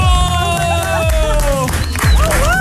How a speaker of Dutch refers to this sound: Mama gilt nog harder dan dochter.